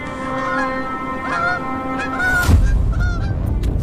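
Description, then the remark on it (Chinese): Bar-headed geese with their goslings honk in a string of nasal, overlapping calls as snow keeps falling, steady and fairly loud, then a rough rushing noise swells up beneath the last few honks. “给斑头雁小宝宝带来第一次生存挑战。”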